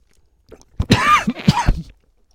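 A short burst of harsh coughing and throat clearing, two or three rough hacks in quick succession lasting about a second and a half, with no talking.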